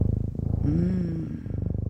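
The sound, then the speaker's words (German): A cat purring, a steady rhythmic rumble with rapid pulses, briefly joined by a soft tonal meow-like sound in the middle. “Also ich weiß ja nicht, wie es euch geht, aber das ist schon sehr beruhigend hier, dieses Schnurren im Hintergrund.”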